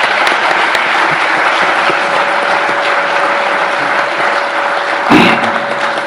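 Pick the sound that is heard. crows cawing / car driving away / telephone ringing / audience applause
audience applause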